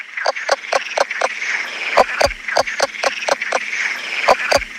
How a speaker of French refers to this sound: Alors, c'est vrai qu'un crapaud léopard qui chante comme une poule, c'est déjà original. Mais c'est pas fini. C'est un des seuls amphibiens, enfin en tout cas de France méditerranéenne, qui chante sous l'eau.